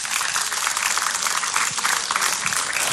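Steady, dense applause from an audience, a continuous crackle of many hands clapping at an even loudness for the whole stretch, with no voices rising above it.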